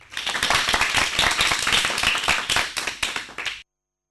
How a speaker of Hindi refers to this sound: इन सभी के लिए जोरदार तालियां हो जाए।